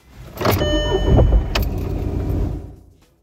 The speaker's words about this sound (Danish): Der er også lyden af, hvordan det lyder, når motoren starter.